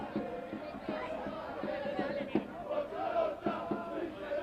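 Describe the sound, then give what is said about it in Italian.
A stadium crowd of Taranto football supporters roars and chants steadily during a match, a dense wall of voices with rhythmic surges and a few sharper shouts rising above the sustained din. “In sottofondo continuate a sentire i tifosi del Taranto.”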